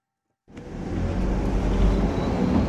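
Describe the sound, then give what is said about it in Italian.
After a moment of silence, a postal bus engine rumbles into hearing as the bus drives steadily along the narrow road between Goppenstein and the Lötschental valley, a heavy, continuous low drone with road noise and no voices. “Io sese gli auto da posta che meine mai da Goppenstein sia da el Lötschental.”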